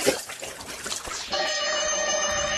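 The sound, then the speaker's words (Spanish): A drink is poured into a glass, starting with a rough splashing gush and settling into a steady, ringing trickle as it fills. Fairly loud, with no voices. “Aquí tenemos la refrescada nocturna.”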